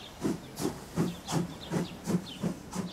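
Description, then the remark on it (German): A steam locomotive pulling a passenger train chuffs along in a steady rhythm, each beat a sharp burst of hissing steam over a low pulse, about eight regular exhaust puffs, with no voices. “Viele der Fahrgäste sitzen heute zum ersten Mal in einem Dampfzug und haben Fragen an Schaffner und Zugführer.”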